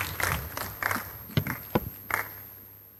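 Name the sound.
audience clapping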